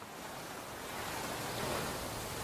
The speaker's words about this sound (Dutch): Het witte strand, de brede kustlijn en de golven die hard stuk slaan op het zand. Acapulco is een paradijs.